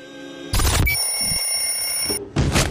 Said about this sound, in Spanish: Apagaste la alarma.